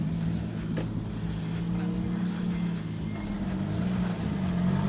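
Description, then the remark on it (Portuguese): A Skoda rally car's engine drones loudly and steadily throughout as it drives past, with a faint rhythmic ticking riding above the deep rumble and no voices. “Deixa-me só acompanhar o carro. Ainda por cima um Skoda, fica quase difícil acompanhar.”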